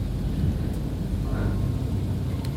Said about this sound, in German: Der folgende Donner, der Atem steht still, entlädt sich in die Tiefe und zieht ab.